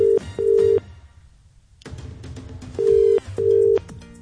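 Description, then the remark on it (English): A phone ringback tone sounds as a caller rings back a man whose phone died, in two double-burst cycles, each a pair of steady electronic tones separated by a pause, clear with faint background noise between rings. “his phone died, so I'm just going to call him back.”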